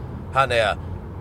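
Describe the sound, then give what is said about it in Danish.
A car's lane-departure warning sounds once as the driver nearly drives into a guardrail: a short, two-part electronic alert with a tonal, voice-like quality, clear over the low, steady rumble of the moving car. “Se, nu siger den igen noget. Det var fordi, jeg var ved at køre ind i et autoværn.”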